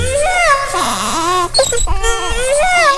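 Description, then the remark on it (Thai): A loud moaning wail like a crying baby, made by a fox trapped inside an elephant's belly as it claws at the belly wall, drawn out and wavering up and down in pitch, with a short catch in the middle before the wailing resumes. “มันจึงได้คิดแผนการร้ายขึ้นมาอีกอย่างนึงนั่นก็คือตะกุยหน้าท้องของช้างพลางกับส่งเสียงร้องครวญครางเหมือนเด็กทารก”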